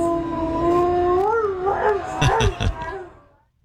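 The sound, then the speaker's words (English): In a church, a dog lets out a long, wavering howl along with the pastor's singing, rising and bending in pitch, fairly loud, with a few rougher yelps near the end before it trails off. “Every time he starts singing. In fact, I think the pastor ended up putting the lapel mic in front of the dog instead.”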